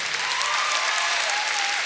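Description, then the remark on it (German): Steady, dense audience applause at a live show for a violinist in the string ensemble: many hands clapping together at an even, sustained level throughout, with a faint high tone gliding underneath. “Ein herzlicher Applaus auch für Julia.”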